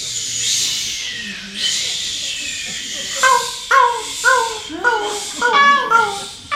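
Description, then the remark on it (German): An audience imitates waves breaking on a beach with two long, swelling hisses, then breaks into a scattered burst of high, tonal cries and whoops, moderately loud. “So Wellen, die an einem Strand stoßen. Was machen denn Wellen? Genau. Gebt uns mal die Welle.”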